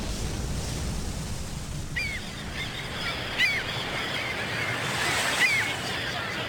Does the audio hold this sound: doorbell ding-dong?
no